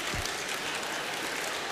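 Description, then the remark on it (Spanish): An audience claps steadily throughout, a dense crackling patter of many hands at moderate loudness, continuous from start to finish with no talking over it. “No, no aplaudas, si yo”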